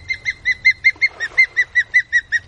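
Osprey calls: a rapid, even series of about a dozen sharp, high whistled chirps, each loud and clipped, repeating steadily over a soft low rumble with no talking.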